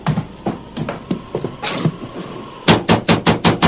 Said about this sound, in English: Thatcher, open the door. Thatcher! Well, that's strange. We've certainly knocked loudly enough for him to hear. We knocked plenty hard.